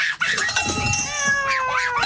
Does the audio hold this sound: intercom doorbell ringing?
no